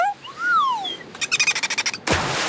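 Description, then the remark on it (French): A dolphin, Séraphin, swimming beside a boat and leaping in the water, squeaks with rising and falling whistles, then a rapid burst of about ten clicking chirps, followed by a rushing splash of water. Fairly loud, with no talking. “Tiens, voilà Séraphin le dauphin.”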